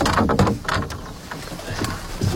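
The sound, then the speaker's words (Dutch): Scraping and hollow knocks as a canoe hull is pushed off from the bank, a few uneven bumps and rustles over about two seconds, with no talking. “Ik zal de kano van de kant afduwen.”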